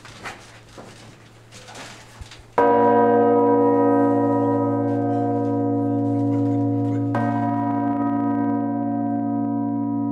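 A massive five-ton church bell, the heaviest of a bell tower's peal, strikes with a sudden, very loud clang and keeps humming in a deep, rich drone, struck again around seven seconds in, heard from directly beneath it after a few quiet seconds.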